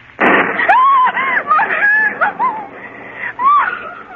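A sharp, loud thunder crack during a storm bursts out at the start, quickly giving way to a run of shrill, wavering squawks and cries that rise and fall for several seconds.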